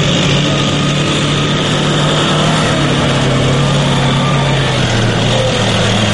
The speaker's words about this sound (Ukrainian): Та вже за декілька хвилин цією дорогою проїжджає техніка, яка потенційно могла стати її ціллю.